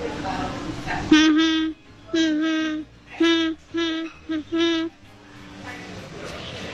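A child hums a song melody in a string of sustained, mid-pitched notes, about six short phrases separated by brief pauses, steady and fairly loud, with soft background noise after the humming ends.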